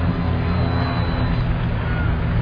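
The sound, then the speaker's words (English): A steady, low engine drone from single-engine planes making a flyover at a baseball game in Cincinnati before the Milwaukee Brewers play, loud and unbroken throughout, with a faint murmur of crowd noise beneath it. “A little flyover here from some single engine planes.”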